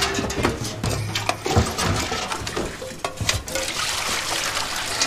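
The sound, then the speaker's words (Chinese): Hot water is poured in a steady, splashing stream with a broad hiss, plus brief clinks and knocks throughout; a faint low hum lies underneath and no one speaks. “你先倒热水。”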